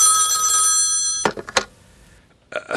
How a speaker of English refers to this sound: Alone in my hotel room late one night, I had just gone to bed when the phone rang.